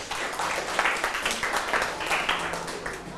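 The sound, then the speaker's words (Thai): A group of children clapping together in a classroom, a steady, dense burst of applause, fairly loud and continuous for a few seconds with no speech over it. “กลุ่มอื่นว่าไงครับปรบมือหน่อยครับ”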